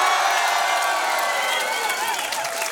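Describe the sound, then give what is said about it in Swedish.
A studio audience in Studio 4 of Radiohuset, the live music stage of Musikplats Stockholm, cheers loudly and steadily, many voices whooping and shouting at once with some clapping mixed in, a sustained wall of crowd noise lasting the whole few seconds. “Hur har vi det i publiken här i studion?”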